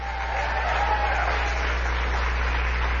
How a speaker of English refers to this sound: Congresswoman Titus is here somewhere, I understand, on her way. Give her a great big round of applause.